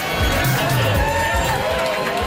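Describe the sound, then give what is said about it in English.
A loud, packed crowd, aged from 19 to pensioners, in the basement of Triangle's Nightclub, Moncton's first gay bar, on its last night ever, fills the space with a dense, continuous roar of overlapping chatter and cheering voices, steady throughout with no single voice standing out. “The crowd is a mix from 19 years old to pensioners, and they're loud, hot, and here to party.”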